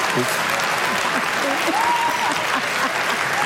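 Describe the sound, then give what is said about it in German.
Steady, dense applause from a crowd fills the whole stretch, a broad hiss of many clapping hands, with a few faint voices murmuring underneath. “Warum auch immer jetzt Applaus ist, was ist so?”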